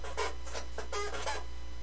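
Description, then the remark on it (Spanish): A chair creaks and squeaks during a morning radio show in a quick series of about six scratchy, high-pitched bursts, fairly loud over a steady low hum, with no one talking. “Hoy está rechinando más de lo normal la silla.”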